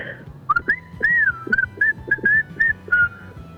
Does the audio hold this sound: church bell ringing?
no